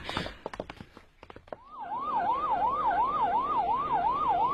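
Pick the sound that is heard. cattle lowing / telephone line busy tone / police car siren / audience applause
police car siren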